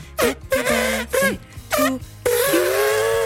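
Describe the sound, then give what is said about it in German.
Party horns toot a Happy Birthday serenade for a singer's 46th birthday: a run of short, buzzy honks that bend in pitch, followed by one long, loud sustained blast to finish. No one speaks. “Hoffen wir mal, dass das Trötenbiss in … Wahlheimat Südfrankreich geschallt ist, denn da feiert sie heute.”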